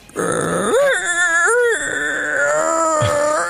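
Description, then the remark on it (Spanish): A man's voice imitates a suffering dog with gastritis, with strained, wavering whines and groaning moans that rise and fall in pitch, loud, with no speech. “imitando el sonido de un perro con gastritis.”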